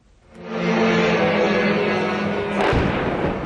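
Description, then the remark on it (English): A heavy, sustained roar builds quickly and rumbles on, then a sharp, loud boom breaks through near the end: an explosion in Kyiv during Russia's full-scale invasion. “Alerts, sirens and explosions are happening all day.”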